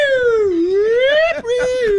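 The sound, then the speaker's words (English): A voice mimics a police siren with a loud, sustained wailing tone that dips and swoops back up, breaks off briefly, then holds a steady pitch for the last half second. “Would you have rolled down the window and made the police siren noise for him?”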